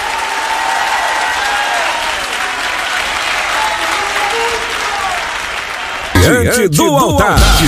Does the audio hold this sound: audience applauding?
yes